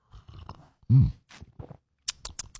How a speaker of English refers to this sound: All right, grab a little coffee, a little juice, a little OJ, whatever you need to get your day off to a good start. It is the morning slurp. Let's do this, shall we? All right, here we go.